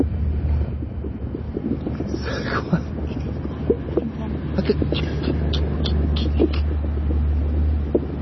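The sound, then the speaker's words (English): Insects moving about in soil in this season, picked up by a contact microphone probe pushed into the ground that senses soil vibrations: irregular scratchy rustles and soft clicking ticks over a steady low rumble, with no voices. “This time of year, I would suspect it might be insects moving about.”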